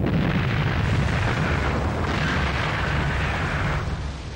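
A loud, sustained blast rumble with a broad, heavy roar that holds steady for several seconds before starting to fade: a large demolition blast by railway troops across a work face over 600 metres wide, cutting more than 80 metres off a slope and moving over 180,000 cubic metres of earth and rock. No voices.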